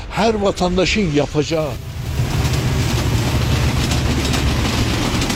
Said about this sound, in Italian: C'è trambusto alla stazione ferroviaria. Da Teheran un treno notturno raggiunge Van 2 volte alla settimana.